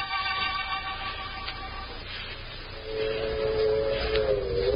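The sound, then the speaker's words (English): A train pulls out of a station: a steady mechanical whine and rumble that swells louder partway through, with high metallic tones ringing over it. No voices. “I kept my head down till the train started.”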